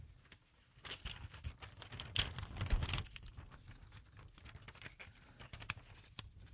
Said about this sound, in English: I crinkled that paper on purpose. Don't ask me why.